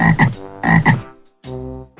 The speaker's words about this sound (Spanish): Soy verde, me gusta saltar, jugar en el charco y también sé croar. La rana.